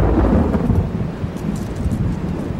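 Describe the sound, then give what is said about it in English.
Deep, continuous thunder from a summer afternoon thunderstorm breaking on the horizon in the countryside rumbles and rolls for a few seconds, heavy in the low end, with a faint hiss of rain mixed in and no voices. “While he was still a few miles from home, a thunderstorm broke on the horizon.”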